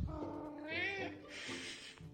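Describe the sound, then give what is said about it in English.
Ollie, a cat just in from outside, meows for his dinner at 6 o'clock, a drawn-out, wavering cry followed by a breathier, rougher second call, both fairly loud. “So it's 6 o'clock, it's dinner time, and my cat Ollie has come in from outside, and now he's being noisy.”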